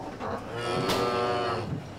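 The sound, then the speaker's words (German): A cow lets out one long, drawn-out moo lasting about two seconds. The low, droning call stays steady and fairly loud, with no talking over it. “In erster Linie verdanken wir sie natürlich den Kühen.”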